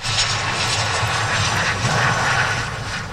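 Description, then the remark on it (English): A loud, steady roar of an airplane engine as a plane carrying four Canadians comes in to land in Victoria, British Columbia, a dense continuous rumble and hiss filling the whole stretch with no voices. “A plane carrying four Canadians landed in Victoria last night.”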